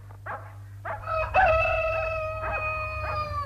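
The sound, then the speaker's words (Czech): A rooster crows once at dawn on a spring morning in a long, drawn-out, high-pitched cock-a-doodle-doo after a couple of short clucking calls, over a steady low hum. “Sad se osvetljava sve veći deo neba nad našim zelenim bregom u prolećnom jutru punom ševa, kukurikanja i zvonjave.”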